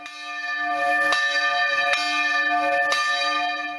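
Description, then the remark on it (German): Church bells of the church in Maria Alm in the Pinzgau ring out on a Sunday with rich, sustained overtones, struck again roughly once a second so the peals overlap into a continuous resonant chime, loud and steady with no voices. “Seit einer Woche bleibt das Glockenläuten in der Gemeinde aber aus.”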